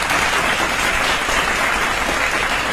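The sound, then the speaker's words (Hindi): Loud, sustained applause from a crowd, a dense steady clatter of many hands clapping at once with no pauses and no voices, given for listeners who took part in a riddle. “ये जोरदार तालियां हमारे प्यारे श्रोताओं के लिए।”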